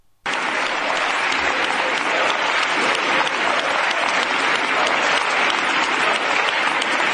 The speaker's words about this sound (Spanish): Ay, madre mía, Elma, estos son los aplausos que dabais a la corrupción.